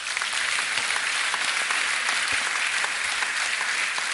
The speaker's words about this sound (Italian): Il primo, e vi chiedo di salutarlo con un applauso, è Christopher Caldwell.